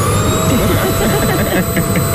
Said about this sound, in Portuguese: Som de aspirador. Ah, pois! Uma pessoa ia sair à noite, o que é que acontecia no dia seguinte? A mãe, a avó, o pai ou o avô, ou alguém a aspirar. Alguém.